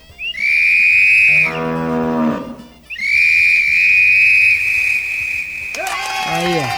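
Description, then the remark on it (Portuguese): Two long, loud, steady whistle blasts, each followed closely by cattle lowing, the second moo rising as the whistle cuts off. “Na hora que eu apitei aqui, foi dito e feito.”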